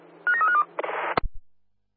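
A telephone sounds: a quick run of electronic tone beeps, then a short buzzing ring burst that cuts off with a sharp clunk. No one speaks.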